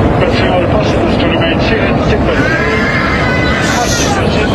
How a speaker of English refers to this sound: Passenger screams, drowning out a faint announcement to fasten seatbelts. It was full, like, cabins opening and everything, like, chaos screaming and just the crazy drop.